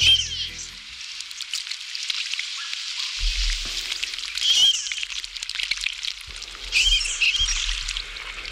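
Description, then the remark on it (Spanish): A marbled teal splashes in lagoon water at Los Palacios, a town in the Seville area, a steady hissing, sputtering wash of droplets that swells into two louder bursts, with faint high chirps mixed in and no talking. “Y además con suerte, porque estamos viendo una cerceta pardilla que también escuchamos chapotear en esta laguna que, como decíamos al principio, se ha recuperado en Los Palacios, una localidad sevillana”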